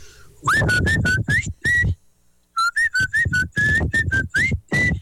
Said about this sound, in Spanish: Como es un silbido sui generis, te vamos a dejar en una clasificación especial. Clasificación sui generis, o sea, no hay otro igual.